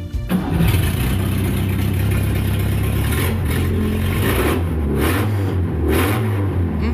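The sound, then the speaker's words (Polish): A Fiat 125P car engine cranks and catches, then idles roughly and revs up and down several times, loud, with no voices. “Ale już mamy Fiata 125P silnik.”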